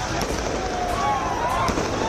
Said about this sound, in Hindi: किसी ने गुलाल के साथ इस जीत की होली खेली तो साथ साथ आतिशबाजी कर खुशियों की दिवाली भी मनाई गई।